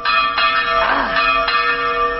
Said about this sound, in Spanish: ¿Y entonces qué pasa cuando escuchas las campanas de la misa? Pues vas a misa.